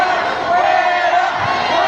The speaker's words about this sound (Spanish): Escuche lo que pasó. Les describo. Escuche lo que grita la gente. ¡Fuera!